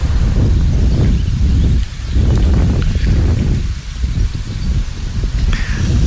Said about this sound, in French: Non, bouge pas, il y a du vent.